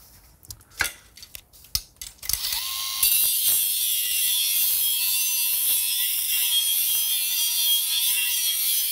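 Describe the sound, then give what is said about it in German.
A few sharp mechanical clicks, then a power grinder spins up into a loud, steady, high-pitched grinding hiss against metal, sharpening a spade's blade edge, with a faint whine running underneath. “Einfach das vorne so ein bisschen geschärft.”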